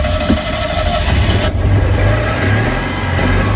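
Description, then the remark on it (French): The engine of a 1979 Citroën Yann 6 car runs loudly while the car is driven, its low rumble steady with a brief surge of revving partway through, and no voices over it. “Je vous présente ma voiture, donc c'est une Citroën Yann 6 de 1979.”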